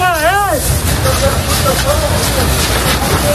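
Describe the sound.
Crews of Spain's Military Emergencies Unit fight a wildfire house by house in the Community of Madrid, defending homes: a short wavering siren-like wail opens, then a steady loud roar of fire and engines fills the scene under indistinct voices.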